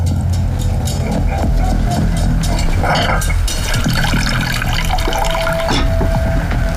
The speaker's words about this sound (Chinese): 那你坐着，我这就给你倒水去。